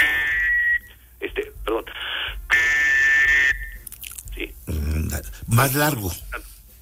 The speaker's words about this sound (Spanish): Más largo y más fuerte. O sea, sí. Más largo y más fuerte. Este silbato tiene tres orificios y es el que todos igualito el silbato lo utilizamos. Igualito para no generar confusión, sí.